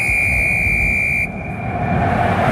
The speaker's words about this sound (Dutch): Ja, daar is hem hoor. Dat denk ik ook. Ja. Ja. Dit was een hele bescheiden fluit. Ja, sorry. Bescheiden? Ja? Ik vond dit wel een flinke fluit. Nou, ik vond hem bescheiden. Maar hij is duidelijk. Hij luidt er duidelijk. Ja, de scheidsrechter fluit.